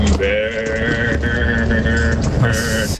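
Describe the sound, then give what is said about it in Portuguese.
A car horn honks loudly in a long, nearly continuous blare, broken by a few brief gaps into several steady, bright-pitched blasts, with no one talking. “Vou mandar meu buzinaço.”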